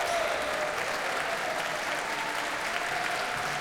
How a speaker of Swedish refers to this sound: Här är de ikväll, alltså George Benjamin och Barbara Hannigan tillsammans med Sveriges Radios symfoniorkester. Och hon får komma ut på scenen en gång till och ta emot publikens applåder.